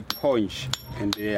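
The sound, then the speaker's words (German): A hammer strikes a chisel on stone three times in an uneven rhythm, the first stage of shaping the stone, beside a main road with truck traffic. Each blow is a sharp, bright metallic clink, with voices and background noise running underneath. “bei Ankunft an der Hauptverkehrsstraße höre ich ein rhythmisches Hämmern, das durch den Lärm, aufgewirbelten Staub und die Abgase von LKWs schneidet.”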